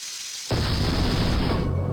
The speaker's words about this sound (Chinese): 哎呀，老头子呀，高压锅爆炸了！哎呀，怎么会有这种事情啊？